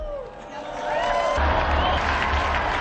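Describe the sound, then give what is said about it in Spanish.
A crowd breaks into applause in honour of Blessed Peter Faber and Saint Eusebius of Vercelli, the clapping swelling to a dense, steady roar of many hands after a quieter start with a voice trailing off. “Unidos, pues, a la Compañía de Jesús y a la Iglesia de Italia, brindemos nuestro vivo aplauso al beato Pedro Fabro y a San Eusebio de Vercelli.”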